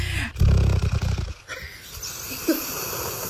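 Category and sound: animal, dog snoring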